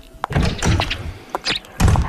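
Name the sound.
footsteps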